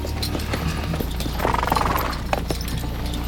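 animal, horses walking

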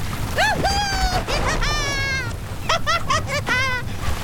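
nature, heavy rain

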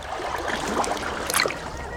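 nature, sea waves

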